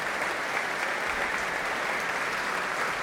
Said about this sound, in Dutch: En daar klinkt het applaus voor Fabio Luisi.